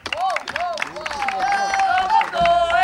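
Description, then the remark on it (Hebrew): An audience in Beersheba claps and cheers for a Hasidic singer in a steady, dense wash of sound, with voices calling out over the applause for its full length. “באר שבע תנו כפיים לזמר שאני הזמנתי לחופה של הבת שלי.”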